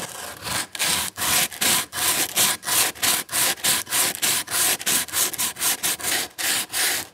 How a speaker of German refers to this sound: So hat sie mehr Kraft in den Händen und ein besseres Gefühl für das Stück Holz, was sie jetzt glatt schleifen kann. Ich nehme jetzt diesen Schleifkork und versuche jetzt mal einfach hier so drüber zu schleifen.